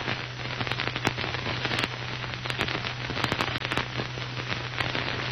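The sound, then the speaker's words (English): A crackling driftwood fire burns steadily in a snowy clearing in front of an igloo, its dense hiss broken by irregular sharp pops and snaps, fairly loud, with a faint low hum underneath and no voices. “A big crackling fire of driftwood lighted up the snowy clearing in front of the igloo.”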